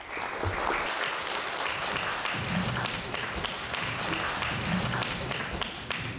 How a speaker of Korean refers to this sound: 큰 박수로 맞이해 주시기 바랍니다.